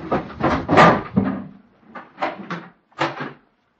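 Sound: door being opened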